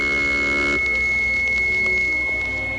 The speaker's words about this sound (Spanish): El sistema de alarmas del espacio funciona. No hay duda que se trata de una nave desconocida para nosotros.